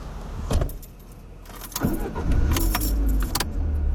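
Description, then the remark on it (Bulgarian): Clicks and a jangle of keys as someone gets into a car in a church parking lot, a door thuds, then an engine starts up and settles into a steady low rumble. No one speaks. “Където се качвам в колата,”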